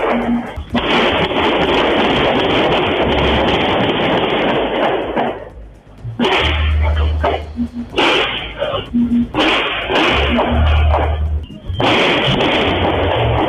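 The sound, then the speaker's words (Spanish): Bursts of automatic gunfire from a submachine gun during a killing in Independencia rattle off in rapid, harsh volleys, loud and distorted on a low-fidelity recording, with short pauses between strings of shots and muffled voices underneath. “Una ráfaga de balazos, ¿no? Ahí está.”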